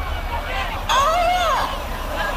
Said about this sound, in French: Le perroquet de la voisine. Oh ! Qu'est-ce qu'il dit ? J'en sais rien du tout.